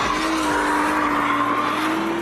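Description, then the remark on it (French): Tires squeal in a sustained, high-pitched whine, growing louder, over the deep, steady roar of a V6 engine as a heavy Japanese car drifts with its electronic assists switched off, the screech holding loud and continuous throughout with no voices. “Par-dessus le vrombissement du V6, les pneus chantent de plus en plus fort.”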